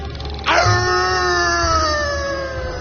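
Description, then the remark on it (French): A pack of hunting dogs with hunters howls in a long, sustained cry that starts abruptly and slowly slides downward in pitch, staying loud and steady with no talking over it. “Une meute de chiens, des chasseurs.”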